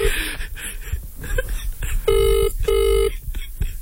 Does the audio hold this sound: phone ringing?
yes